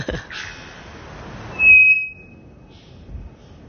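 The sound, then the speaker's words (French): A single loud, flat metallic whistle from an araponga, a bellbird from the Amazon, rings out for under half a second at a constant, unchanging pitch, then fades into a thin lingering tone over quiet background hiss. “Ici, c'est un oiseau qu'on appelle l'araponga, qui vient d'Amazonie.”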